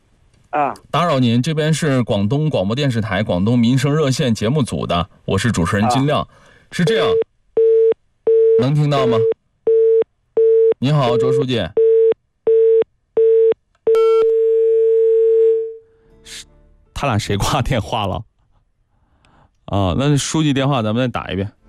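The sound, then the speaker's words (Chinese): A phone line's busy tone after a hang-up, during a Guangdong Radio and Television livelihood hotline programme's call to a village secretary: a run of short, evenly spaced beeps, then one longer steady tone, with people talking over the start and again after it ends. “他俩谁挂电话了？”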